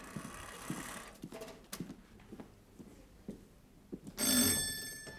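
doorbell ringing

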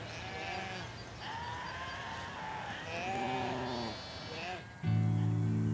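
sheep bleating

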